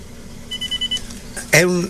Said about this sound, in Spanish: Así que mi amado hermano, es una llamada que entró ahí. Yo no puedo atenderla porque estamos en la emisora. Estamos al aire.